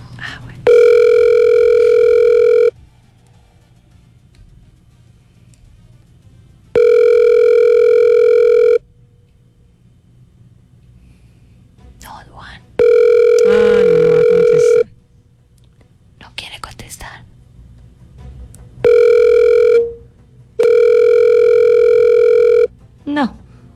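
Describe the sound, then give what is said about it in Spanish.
An outgoing phone call rings repeatedly: steady electronic ringback tones of about two seconds each, separated by pauses, go unanswered while faint murmuring and rustling fill the gaps. “No va a contestar. No, cuélguele eso.”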